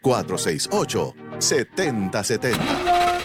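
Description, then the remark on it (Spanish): A voice talks, then a car engine cranks and whines as it struggles to start, a steady, fairly loud grinding with a thin whine that never catches. “¿Te quedaste a pie o ya tu carro no da para más?”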